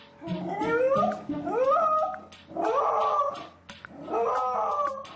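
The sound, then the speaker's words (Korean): A dog, Suni, howls and wails in four long, mournful cries while its owner is away at the market auction, each cry rising and bending in pitch. The howls are loud, separated by brief pauses, with no talking. “시간이 흐를수록 더욱 서럽게 울부짖으며 하울링을 하는 순이.”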